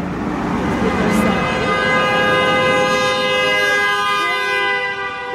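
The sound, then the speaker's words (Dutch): A long, aggressive car horn blares continuously for several seconds, loud, held as one unbroken honk with steady pitch over faint background noise. “Wow, that was a big middle finger.”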